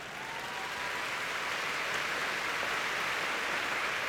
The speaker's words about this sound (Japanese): 大きな拍手に包まれている IG アリーナです。